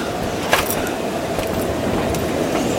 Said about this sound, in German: Aber wollen Sie bis nach Nottingham fahren? Oder Liverpool? Oder wo auch immer sonst dieser gottverdammte Zug hinfährt?